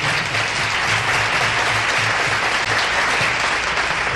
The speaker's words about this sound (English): Thank you very much, ladies and gentlemen. We'd like to share that applause with our orchestra and our piano players.